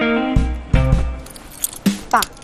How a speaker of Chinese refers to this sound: 拿着，车钥匙。